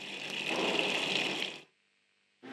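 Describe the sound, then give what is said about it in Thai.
Water gushes steadily from a tap opened after the water valve is turned on, testing that the finished work functions normally, a broad hissing rush for about a second and a half before cutting off abruptly, then briefly starting again at the very end. “ค่ะเสร็จเรียบร้อยแล้วค่ะเราจะทดลองเปิดน้ำกันดูนะคะเปิดวาล์วน้ำนะคะแล้วก็เปิดก๊อกค่ะใช้งานได้ตามปกติแล้วนะคะ”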